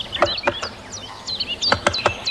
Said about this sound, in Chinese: 听见哒哒的敲击声，我才发现大斑啄木鸟就在附近。